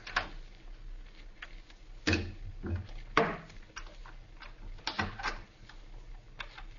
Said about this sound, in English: Quiet. Somebody's unlocking the door through which we came. Maybe they won't come in here.